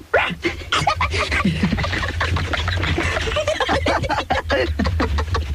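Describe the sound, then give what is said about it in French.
Several people imitate dogs barking, overlapping in a steady stream of short, loud vocal yaps and woofs, with bits of snickering mixed in. “Vous faites les chiens? Bah oui, on fait les chiens.”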